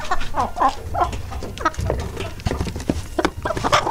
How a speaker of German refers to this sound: Okay. Klingt wie so ein Huhn.